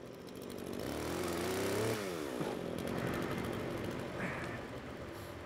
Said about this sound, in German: Mit der Motorsäge kann er auf jeden Fall besser umgehen als ich.